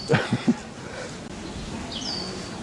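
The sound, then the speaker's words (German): An exotic bird in Prenzlauer Berg, Berlin, gives three quick, harsh squawking calls in rapid succession, followed a moment later by a thin, high squeak over a steady outdoor background hum. “Ein exotischer Vogel.”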